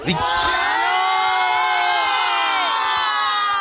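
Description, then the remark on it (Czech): A group of children at a firefighters' camp shout together at full volume, a loud, sustained collective yell that holds steady for a few seconds, overpowering, with no other sound underneath. “Jsme na táboře hasičském, takže vidíme, že i hlas mají silný tady tihleti adepti hasičů.”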